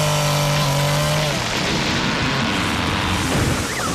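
A heavy, loud crash of a tree slamming onto a car, with a steady tone cut off abruptly, followed by several seconds of crunching, rumbling debris and metal noise. No one speaks.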